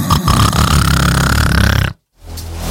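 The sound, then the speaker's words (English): A voice imitates loud, rasping snoring, as of someone who dozed off sitting in a back garden on a Sunday afternoon, in one long, rough inhale lasting about two seconds, then a short silence and a quieter rumbling breath as it starts again, loud. “Woke myself up snoring.”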